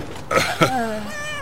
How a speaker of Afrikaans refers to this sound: Een kat. Julle werpsel kleintjies in die bus. Goed.